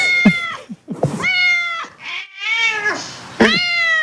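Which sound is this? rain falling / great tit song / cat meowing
cat meowing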